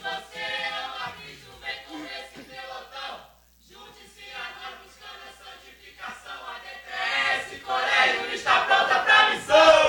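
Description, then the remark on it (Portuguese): The DTS Colégio church team shouts a rhythmic battle cry in unison at the final of the Gincana das Igrejas 2026, loud and chanting, with a brief pause midway before the chant swells louder and more intense toward the end. “Qual grito de guerra que a DTS Colégio preparou aí para essa tarde?”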